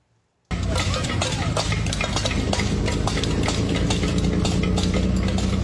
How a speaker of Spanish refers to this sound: mujeres y niños cerraron calles golpeando calderos